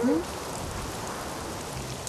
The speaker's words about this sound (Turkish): Fırtına başladı abi. Çok korkunç sesler çıkarıyor. O da mavi canavar gibi bir canavar mı? Yok canımın içi. Şiddetli rüzgar ve yağmur bu sesleri çıkarıyor. Korkacak bir şey yok.